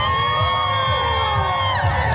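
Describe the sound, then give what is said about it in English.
A large crowd of thousands cheers and shouts at the annual Pride Parade in downtown Winnipeg, with a steady wash of overlapping voices, whoops and high yells that stay loud throughout. “Thousands walking in the city's annual Pride Parade.”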